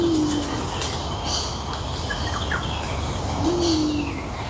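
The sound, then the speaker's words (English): A Torresian imperial pigeon, a big, bulky bird, gives two deep, hooting coos, one at the start and another a few seconds later, over steady outdoor ambience with faint chirps from smaller birds. “Is that the Theresian Imperial Pigeon? It is, that big, bulky guy that looks like it actually, this is probably very wrong to say, but it looks like it'd be delicious.”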